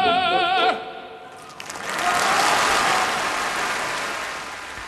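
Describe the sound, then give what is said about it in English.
Pavarotti's sustained, wavering sung note, the encore Tra voi belle from Puccini's Manon Lescaut, cuts off, and his hometown audience at the Piazza Grande in Modena, recorded in 1993, bursts into loud, roaring cheers and dense applause that swell and hold steady to the end. “That was a recording made in 1993 at the Piazza Grande in Modena, where Pavarotti's from, his hometown audience cheering him on, in that encore offered at the end of the program, Tra voi belle, from Puccini's Manon Lescaut.”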